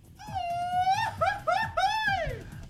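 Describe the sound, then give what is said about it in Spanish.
A person lets out a loud, high-pitched wailing cry lasting a few seconds, the voice held long at first, then breaking into quick wavering yelps that rise and fall before trailing off. “Exacto, alguien le duele el estómago por ahí, por eso se echó su grito.”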